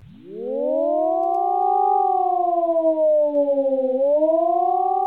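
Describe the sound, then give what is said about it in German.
A civil defense siren wails during an annual nationwide test alarm shortly after 10 a.m., rising quickly at the start and then holding a long, slowly wavering tone with strong harmonics. It sounds loud and continuous, with no voices present. “Diese heulende Sirene war hoffentlich heute um kurz nach 10 Uhr im ganzen Land zu hören.”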